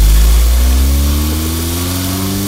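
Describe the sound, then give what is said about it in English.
A car engine runs loud, its low rumble steady with rising harmonic tones as it gently revs and pulls out from a house, driven by a teenager taking his brother to school, black smoke coming out; no voices present. “Pulling out of the house right now.”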